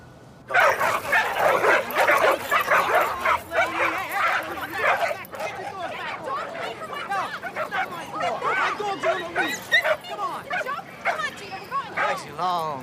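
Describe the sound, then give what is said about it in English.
Several dogs bark, yip and whimper almost nonstop, loud, their overlapping voices filling the scene with faint human chatter underneath. “I didn't know you walked your own dog. Which one is yours? Under the tree, the Doberman.”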